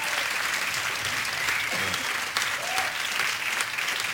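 Sustained applause from a group during the Ignite Radio broadcast, a dense steady patter of many hands clapping at even loudness for several seconds, with a faint voice briefly rising beneath it.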